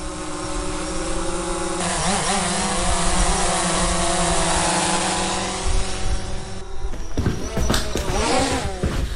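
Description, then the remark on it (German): A drone, controlled by an AI, gives a steady, loud mechanical buzz with stacked harmonic tones, wavering in pitch around two seconds in, then breaking into choppier, fluttering bursts near the end. No one speaks. “Stimmt, Luna, da brummt was. Ja, Talissa, ich glaube, das ist eine Drohne.”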